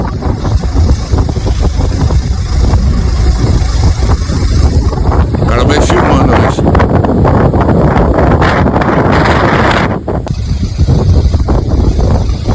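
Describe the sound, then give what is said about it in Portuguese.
Violent, roaring typhoon wind battering a phone microphone, a continuous loud buffeting rumble with gusting surges and hissy bursts, distorted and overwhelming throughout with no other clear sounds. “É um tufão mesmo. É um tufão.”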